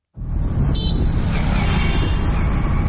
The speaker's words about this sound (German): Eine belebte Verkehrskreuzung in der südindischen Stadt Hyderabad. Es ist heiß, laut und die Luft voller Abgase.